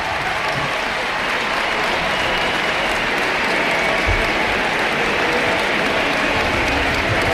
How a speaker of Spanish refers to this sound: La gente que está empezando a vislumbrar ese cambio y a disfrutarlo seguramente en este Ullevaal Estadio. Vamos a escuchar la ovación y los aplausos de Alexia para la grada y de la grada hacia ella.